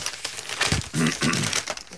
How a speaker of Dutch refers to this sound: werkelijk als een wilde man door de krant bladert.